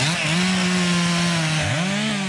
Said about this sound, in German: Kettensäge oder keine Kettensäge? Im Park Sanssouci wäre das ein sehr provokantes Geräusch, gerade für die Verantwortlichen der Stiftung Preußische Schlösser und Gärten.